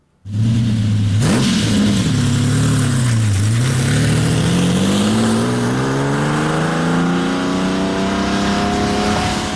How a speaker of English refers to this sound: We got clip, Shane, if you want to hear what the Countach sounds like. Oh, do you have that? Oh, David, yeah. Can you grab that clip for us? From the angriest sounding cars ever made. Listen to this.